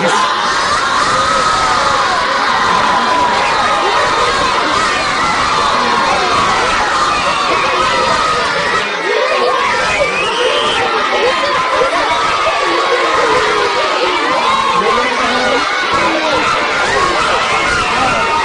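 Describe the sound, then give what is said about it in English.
A large audience claps and cheers steadily, a dense, loud wash of applause mixed with shouts and excited voices that carries on without a break. “I know you want to clap some more, but we got one problem.”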